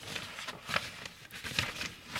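Soft, crackly paper rustling in a few irregular bursts, with brief brighter crinkles standing out over a quiet, steady background hiss. No one speaks.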